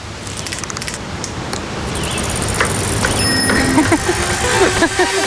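Bicycles roll past with whirring wheels and the quick ticking of freewheels, over a steady outdoor noise bed, with a few faint metallic rings near the end.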